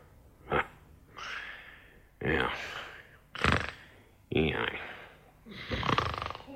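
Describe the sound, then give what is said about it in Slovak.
A wolf snores loudly and exaggeratedly: about six rasping snorts, each followed by a breathy exhale, in a slow steady rhythm with no talking. “Je tu vlk chrápe!”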